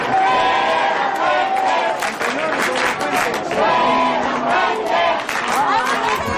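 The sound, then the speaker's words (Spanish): A large crowd chants the name of the national team coach, many voices shouting together loudly and continuously, the chant swelling and dipping in rhythmic waves with no break throughout. “la gente además gritando claramente”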